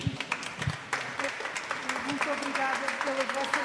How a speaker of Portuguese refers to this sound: A visita termina com palmas.